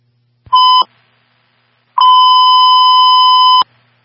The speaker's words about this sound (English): 10-2 driver, you can silence your alarm for us, please.